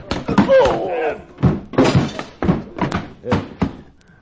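door slamming shut

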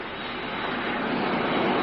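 airplane engine

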